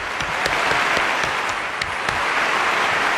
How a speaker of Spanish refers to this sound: vamos otra vez con los aplausos. Otra vez, porque ya muchos teniendo aquí aplausos,